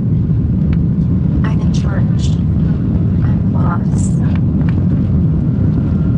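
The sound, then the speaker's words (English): A loud, steady low roar of an airplane cabin as the jet taxis down the runway and accelerates for takeoff, with faint, indistinct voices and small sounds scattered over the rumble. “As the plane taxis down the runway and accelerates,”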